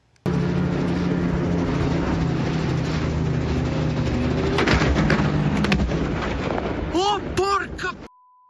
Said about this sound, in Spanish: Dos personas murieron cuando el helicóptero en el que viajaban chocó contra los cables de un teleférico y se estrelló en el norte de Italia. El accidente ocurrió a más de 4.000 pies de altura en una zona montañosa de difícil acceso.